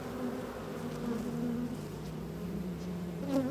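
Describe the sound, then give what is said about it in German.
A dense, steady hum of many honeybees from a nucleus colony (split) buzzing around an open hive as a little smoke is put on top, the bees flying straight at the beekeeper; a continuous droning swarm with slight rises and wavering pitch as individual bees pass. “Das ist der Ableger und die sind irgendwie ein bisschen wilder als die anderen.”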